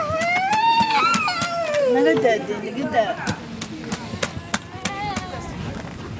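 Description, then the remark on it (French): A child of about 8 years, lying on the ground, wails and screams in long, rising and falling cries, then repeated sharp, irregular taps strike an empty bottle. “Il y a ces cris déchirants de cet enfant qui doit avoir 8 ans et qui est complètement hagard par terre en train de taper sur une bouteille vide.”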